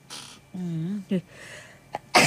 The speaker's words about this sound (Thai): จามค่ะเดี๋ยวนะ